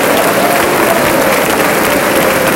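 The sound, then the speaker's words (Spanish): An audience at a Spanish-language church service claps their hands for the Lord in praise, a loud, sustained burst of applause that fills the room, steady and dense throughout with no pause or talking. “A ver, palmas para el Señor con gloria, con alabanzas.”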